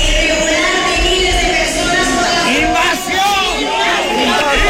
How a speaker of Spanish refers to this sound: Cientos de personas interrumpían así el manifiesto que leía la alcaldesa del Partido Popular al grito de invasión. Es un grito, un cántico que se ha repetido en buena parte del país.